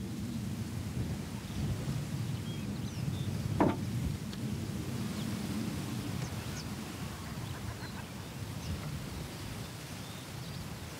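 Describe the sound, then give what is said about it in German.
Scattered shorebird calls, including oystercatchers and redshanks, thin and faint, rise now and then over a steady roar of wind and surf along an island coast, with one brief sharp knock partway through. “Ob Austernfischer, Rotschenkel oder auch andere Bartvögel, sie sind nach Jahrzehnten wieder da.”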